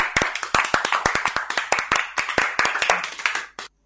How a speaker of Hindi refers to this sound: तो चलो इसी बात की खुशी में कि आप लोग समझ गए पानी के महत्व को, सब एक दूसरे के लिए जोर से ताली बजाएंगे।